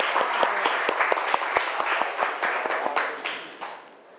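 A class of students clapping together for a classmate during a lesson, a steady burst of many hands with sharp individual claps standing out, lasting a few seconds before tapering off.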